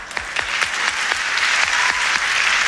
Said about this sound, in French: L'arbitre étant M. Ambrooster Père, qu'on applaudit bien fort.